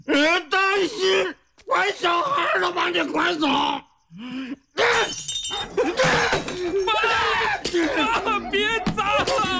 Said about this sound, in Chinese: 爸，爸，别砸了，家里快砸光了。 爸一看见家里这些东西，就想起了你妈了，砸了就不想了。